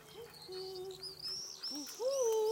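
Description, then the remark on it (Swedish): Several soft, owl-like hoots, made by a grandmother rather than an owl, rise and fall in quick succession, moderately loud, with a faint high whistling tone and light background hiss running underneath. “Då hör vi något som hoar. Hör du ugglan?”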